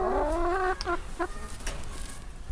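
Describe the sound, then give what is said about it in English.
Chickens clucking: one drawn-out, rising squawk followed by a couple of short, sharp clucks and some fainter chatter, with no one speaking. “Do you consider yourself perverse, chickens?”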